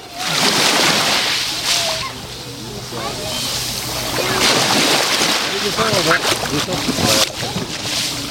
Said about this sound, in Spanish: Lo primero, oriento el micrófono al agua del mar. Así es como hoy escuchamos los que estamos aquí y disfrutáis a través de las ondas, los que estáis conectados a la radio, el mar Mediterráneo. Así es como suena hoy la playa de Saloreña.